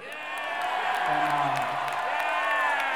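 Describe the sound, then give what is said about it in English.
A crowd cheers and whoops loudly, many voices blending into a steady, sustained roar with shouts rising above it for the whole stretch. “The crowd's with me, all right.”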